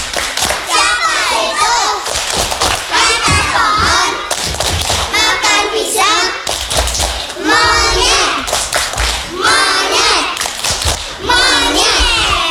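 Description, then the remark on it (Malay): A group of children chant loudly in unison while clapping their hands in a steady, rhythmic pattern, doing the Indonesian 'tepuk monyet' (monkey clap) clapping game after a count of one, two, three; the sharp claps punctuate the sing-song voices throughout. “Ya, satu, dua, tiga. Tepuk monyet.”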